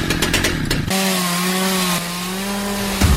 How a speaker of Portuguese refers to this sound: Atenção, Teófilo Otoni região! Chegou a sua chance de mostrar habilidade, precisão e potência no torneio de motosserra Husqvarna. Melhor serrador do Brasil.